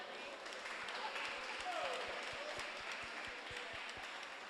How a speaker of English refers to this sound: Can we give another round of applause for Miss April?